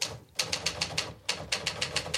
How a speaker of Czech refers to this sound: Jak psal psací stroj sám.